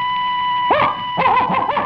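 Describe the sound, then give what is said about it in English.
A person imitates a dog's barking: one short woof, a brief pause, then a quick run of several more yelps, loud over a faint steady hum. “If I told you to bark like a dog.”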